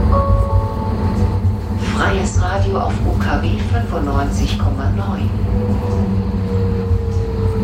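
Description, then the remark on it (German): Steady low rumble and hum inside the driver's cab at the front of a tram, with faint tonal whines from the equipment; a voice speaks briefly over the constant mechanical drone. “Wir sind hier jetzt in einer Straßenbahn vorne in der Fahrerkabine angekommen und hier sind sehr viele Knöpfe.”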